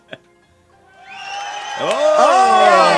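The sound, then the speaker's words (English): After a brief click, a crowd's cheering swells over about a second into loud, sustained whoops and hollers, with many voices sliding downward in pitch as the noise holds strong to the end. “Let's hear how the crowd liked it.”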